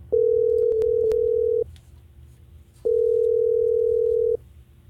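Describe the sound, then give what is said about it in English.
Two long, steady electronic ringback tones of an outgoing phone call placed by the Hot 104.9 radio show in Tallahassee, each about a second and a half, separated by a short pause, heard clearly over a faint line hiss with a few small clicks. “So we've got him ringing right now, and we're going to see if he'll answer.”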